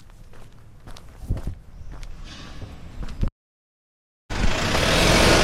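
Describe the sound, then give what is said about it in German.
Footsteps tap steadily outdoors at a busy traffic junction in perfect weather, over a low hum of car traffic, then the sound cuts out briefly before a louder, constant wash of road noise returns. “Und genau hier an diesem Verkehrsknoten werde ich jetzt meine Route starten.”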